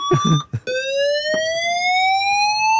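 A loud, sustained electronic fire alarm tone with strong harmonics sounds continuously and rises slowly in pitch in new premises, following a brief burst of muffled voices at the start.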